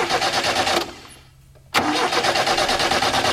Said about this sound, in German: Wenn eben genau das passiert, wir sitzen uns ins Auto, unser Auto springt nicht an und dann denkt man sich, mein Gott, wie kann das sein, ich komme nicht mehr in der Arbeit.